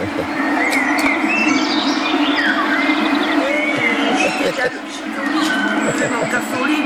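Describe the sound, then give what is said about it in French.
A herd of cows arrives amid a steady, busy din of lowing and shuffling, with birds chirping throughout and voices talking underneath. “Il y a les vaches, eh oui, moi je les ai entendues dans la maison.”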